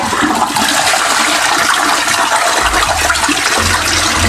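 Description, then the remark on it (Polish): Loud, steady rush of household water, like a toilet flush, made at home to imitate crashing sea waves and sent as a voice message on Messenger to the RMF Max radio station, filling the whole stretch with a deeper rumble swelling near the end. No voices. “I takie morze w swoim domu zrobił”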